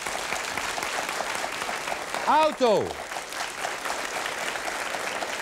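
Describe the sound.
An audience applauds steadily throughout, clapping to vote for the band (Kapelle) option, with a brief shout from a voice cutting through the middle of the clapping.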